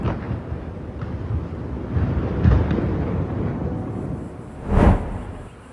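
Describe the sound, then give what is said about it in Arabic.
Two heavy explosions from Israeli artillery shelling on the Ali al-Taher heights and Dohat Kfar Ouman in southern Lebanon boom over a steady low rumble and wind noise, a duller blast midway and a sharper, louder one near the end, each trailing off in a deep roll. “أفادت مصادر محلية بقصف قوات الاحتلال الإسرائيلي مرتفعات علي الطاهر ودوحة كفر عمان جنوبي لبنان، وأظهرت مقاطع مصورة حدوث انفجارات كبيرة في المناطق المستهدفة بالمدفعية الإسرائيلية.”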